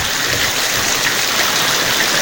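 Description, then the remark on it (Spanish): Steady, dense rain falls in Pucón in a continuous hiss that stays loud and even throughout, with no voices or other sounds on top. “como que dan ganas, como que dan ganas de acostarse a escuchar la lluvia.”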